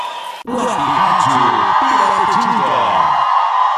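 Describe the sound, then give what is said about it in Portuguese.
A group of people shout together in a loud, sustained burst lasting about three seconds, many voices overlapping at once over a steady background roar, then cutting off abruptly. “eles dão um grito!”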